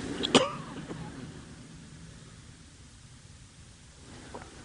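A single sharp cough or throat clear from a pastor who has been sick with a cough bursts out near the start, fairly loud, followed by quiet room hiss and a faint small throat sound near the end.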